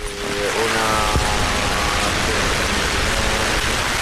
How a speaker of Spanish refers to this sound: Cuando son las 7 y 3 minutos de la mañana, las 6 y 3 en Canarias, así suena a esta hora la Puerta del Sol, con las primeras gotas de lluvia que empiezan a caer sobre ese núcleo central de la Plaza de Madrid.